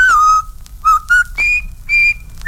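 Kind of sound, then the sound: whistled march tune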